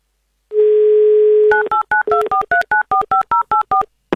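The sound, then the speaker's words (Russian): A steady dial tone hums for about a second, then a rapid run of around a dozen short touch-tone beeps follows in an even rhythm, each a clear two-note electronic chirp, with no talking. A phone number is being dialed live on Avtoradio to call a contest player from the Republic of Buryatia. “Давайте будем звонить.”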